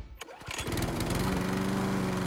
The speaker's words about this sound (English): Step up to a Country Clipper zero-turn mower from Chatsall Brothers and experience the difference.